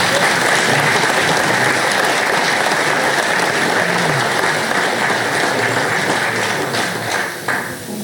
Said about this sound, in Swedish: Då så. En applåd till er.